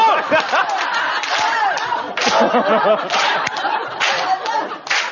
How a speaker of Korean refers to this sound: 해병대 박수.